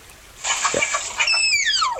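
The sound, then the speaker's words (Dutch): A tapir gives a breathy, rasping huff, then a series of shrill, thin whistles that slide steadily downward in pitch, several overlapping, fairly loud with no talking. “We hebben ook een geluid van die tapir.”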